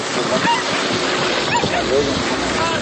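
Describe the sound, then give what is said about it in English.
Beach ambience on a beach in Ecuador where volunteers sort through bags of plastic waste piled on the sand: a steady, dense wash of surf fills the background, with faint scattered voices and a few brief high calls drifting over it. “On a beach in Ecuador, volunteers sort through bags of plastic waste piled high on the sand.”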